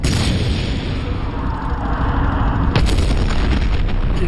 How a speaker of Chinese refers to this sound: 我们趁机向坦克侧面射击，它立刻就爆炸了。我们的坦克炮弹能够击穿坦克护甲。